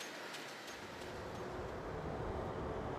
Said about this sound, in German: Mittlerweile hat der Zug Inca passiert und fährt eine Station später in Enyaq ein. Seit 2012 sind die 30 Kilometer von Palma bis hierher elektrifiziert.